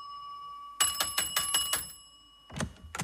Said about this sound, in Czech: Zvonil jsem 3x